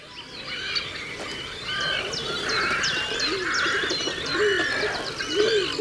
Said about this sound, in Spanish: En este paisaje de aguas salobres del Tajo aparecen ahora los grandes navegantes silenciosos del río, los cormoranes grandes, nombre científico Phalacrocorax carbo.